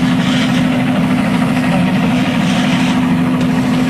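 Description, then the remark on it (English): A news helicopter flying overhead drones steadily and loudly for the whole stretch, a constant low hum riding over a rough wash of rotor noise, with no voices. “Obviously, it's a news helicopter overhead.”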